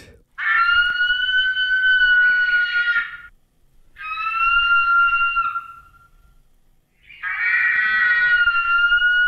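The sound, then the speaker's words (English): A cry of the biggest eagle there ever was, from New Zealand 350,000 years ago, reimagined by Te Papa and RNZ: three long, loud, high-pitched screeching calls, rich in harmonics and slightly wavering, separated by short silent pauses, with no talking. “For a start, you would have heard the cry of the biggest eagle there ever was, reimagined by Te Papa and RNZ.”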